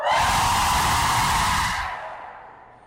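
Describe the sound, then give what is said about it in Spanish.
A group of women lets out one loud, sustained cry of joy lasting nearly two seconds, then the shout fades quickly into a brief tail of background noise. “Por último, viejas gritonas, un grito de júbilo.”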